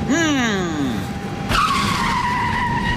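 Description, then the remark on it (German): An airport Follow-Me car's tires squeal loudly in a long, wavering skid, then a sharp burst cuts in halfway through as a high, steady screech carries on to the end. “Was ist denn schon wieder mit dem armen Follow-Me-Auto?”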